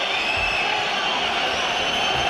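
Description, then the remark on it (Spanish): The crowd at Mestalla football stadium during a hydration break in play: a dense, steady murmur of many overlapping voices at an even, moderate loudness, with no single voice standing out. “O sea, sonido de Mestalla en una pausa de hidratación, ¿eh?”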